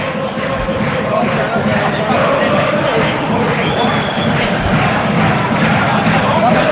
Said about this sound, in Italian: Incessante il tifo da parte dei tifosi bolognesi quest'oggi allo stadio Dallara.